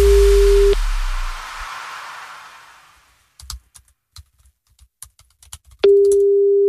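A steady electronic telephone ringing tone sounds briefly, then after several seconds of quiet tapping and clicks, the same tone comes back, loud, without anyone speaking, before the call is answered.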